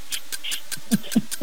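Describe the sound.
A voice imitates a broken pump without words, as part of a Radio DFM game of reproducing phrases with sounds: a quick run of about seven breathy, hissy puffs in a stuttering rhythm, with the last few adding low, wheezy thumps.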